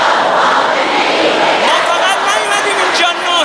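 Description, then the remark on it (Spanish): A vast crowd of thousands of mourners at the great Mosalla mosque in Tehran, Iran, at the funeral of Supreme Leader Ayatollah Ali Khamenei, shouts and wails together in a dense, continuous roar, voices blending into a loud, steady wash of sound with no single voice standing out. “Es el sonido de las miles de personas que han acudido a la gran mezquita de Mosalla en Teherán para despedir al dirigente.”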